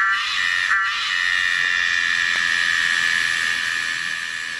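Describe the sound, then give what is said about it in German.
A Tosena melanopteryx cicada, a large insect with long black wings, sings a loud, unbroken, shrill buzz with a steady high whining tone running through it, briefly faltering near the start and then holding constant throughout, with no voices. “Das Tier heißt Tosena melanopteryx.”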